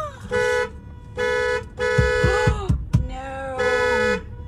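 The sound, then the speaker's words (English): A car horn honks repeatedly as bears open the door and get into the car, loud, evenly spaced blasts, about five of them, with some brief thumping and rustling noises between the honks. “Oh my God, the car! Beep, beep, beep, beep, beep, beep.”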